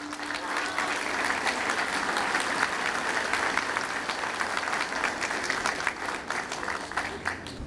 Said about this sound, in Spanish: que nos honran con su presencia y a la cual les pido un fuerte aplauso también.